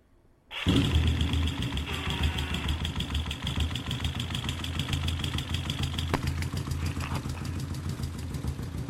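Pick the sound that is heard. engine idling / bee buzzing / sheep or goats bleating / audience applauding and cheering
engine idling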